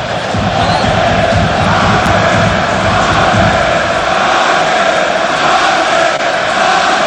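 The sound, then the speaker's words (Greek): A large football crowd rhythmically chants the name of the player Mayer, asking him to take a penalty: a dense continuous roar of many voices with pulsing repeated shouts, loud throughout and without a break. “Φωνάζει ρυθμικά το όνομά του.”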